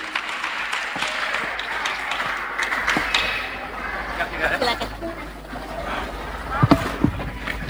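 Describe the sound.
A crowd claps steadily, welcoming a speaker from Compassion Indonesia. A dense patter of many hands at moderate volume, with a few sharper, louder claps near the end and faint voices mixed in.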